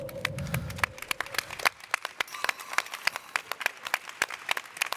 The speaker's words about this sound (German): Und natürlich auch einen großen Applaus für dich